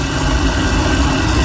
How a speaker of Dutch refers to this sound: Mijn waterkoker. Ja, duidelijk. Ja, wel een keiharde waterkoker.